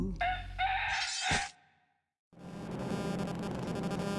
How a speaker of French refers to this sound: Cocorico. Cocorico.